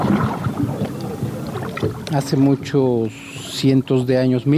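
Paddle strokes, right, left, right, dip and swish through mirror-smooth water in Mexico City in a soft, irregular splashing for about two seconds, then give way to a series of low, hooting, voice-like tonal calls.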